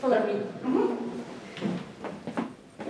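creaking wooden floorboards

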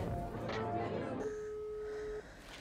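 phone call ringing tone

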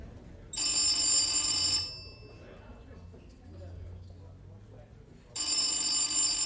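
telephone ringing

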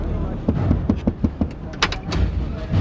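pickup truck door opening

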